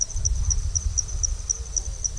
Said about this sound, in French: Et maintenant la nuit, on entend surtout des insectes.